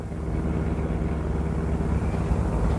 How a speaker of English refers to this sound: The best place I know for getting lost is the heart of the city, so we pile into my car and drive uptown.